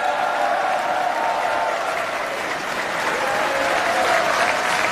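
A large crowd at SpaceX's Starbase applauds loudly and steadily as the Starship completes its orbital insertion burn, a dense, continuous wash of clapping that holds at full strength for the whole stretch, with no speech breaking through.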